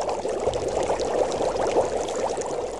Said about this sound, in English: He always kept his big pot on the fire, bubbling with oil.